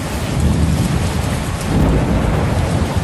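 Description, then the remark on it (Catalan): Heavy rain pours down violently and suddenly in the Camp de Tarragona in a steady, dense roar while low thunder rumbles underneath throughout, loud, with no voices present. “un dels llocs on més violència ha plogut ha sigut el Camp de Tarragona.”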